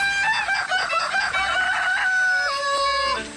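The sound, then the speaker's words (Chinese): A rooster crows loudly, one long drawn-out call with a strained, wavering tone that drops in pitch toward the end, with no talking; a crowing sound effect blended into classical music promoting Anji bamboo-forest chickens. “古典乐融合了鸡打鸣、鸡跳跃、剁鸡肉等自然音效，赋予了安吉竹林鸡更大的商业噱头。”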